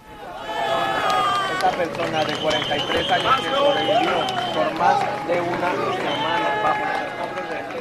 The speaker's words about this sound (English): And you see the cheers and the applause there, and for such good reason. After an international team of rescuers finally reached a security guard trapped in the ruins of that shopping mall, 70 hours after they first located him.